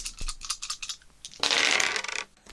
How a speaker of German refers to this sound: Naja, da wir ja heute beim Thema Spielen sind, habe ich ja zum Glück alle meine Spiele mitgenommen, auch meinen Kniffelbecher, deshalb werde ich jetzt mal die Temperaturen würfeln.